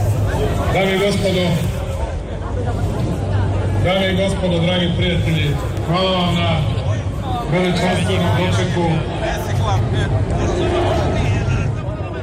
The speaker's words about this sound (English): As he took to the stage, the crowd chanted and cheered.